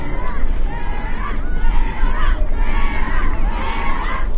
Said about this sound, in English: she pushes off from the dock, and she rows. Until the cheering fades away.